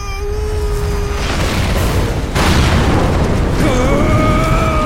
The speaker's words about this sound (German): Hinter uns explodierte die Statue in einem Inferno aus weißem Licht, das Kalis Schädelkette in 12 Teile zersprengte. Die blutigen Schädel schossen davon und verglühten. Auch die Statue wurde auseinandergerissen und verging in Kaskaden von Farben